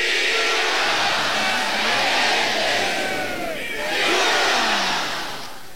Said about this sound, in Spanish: Y antes de que Isaías continúe con esta tanda, vamos a escuchar el grito y el saludo de Aguascalientes.